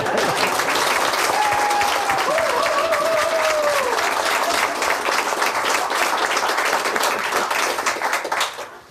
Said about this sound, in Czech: Přesto sklidíte bouřlivý potlesk.